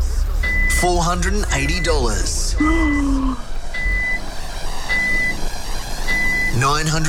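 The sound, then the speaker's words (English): A car's reversing alarm beeps steadily as the car is reversed during a cash prize game, six high-pitched tones about a second apart, under loud excited voices and a low engine rumble. “All right, so we're going to reverse the car here.”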